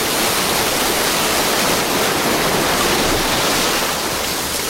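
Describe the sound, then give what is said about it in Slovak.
Rushing water pours steadily into a drain, carrying a tin toy soldier with it, a loud, continuous hiss and roar of flowing water that stays dense and unbroken from start to finish, with no voices. “Voda. Unáša ma voda.”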